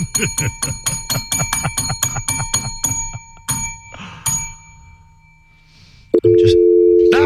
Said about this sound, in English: I'd rather hear that dial tone.